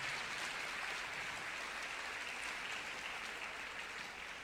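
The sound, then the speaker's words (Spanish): A church audience claps steadily for several seconds to applaud the reading of the word of the Lord, a dense, even wash of many hands applauding without pause and no talking over it. “Denle un aplauso a la palabra del Señor nuestro Dios.”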